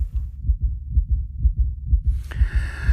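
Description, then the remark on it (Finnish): A heavy, rapid heartbeat of a competitor at a sauna world championship thumps ever harder in deep, muffled, loud pulses; near the end a sharp hissing burst rises and lingers over the beats. “sydän hakkaa kovempaa ja kovempaa.”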